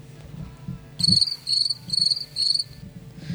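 Four evenly spaced bursts of shrill, high cricket chirping ring out clearly over a low, steady background rumble.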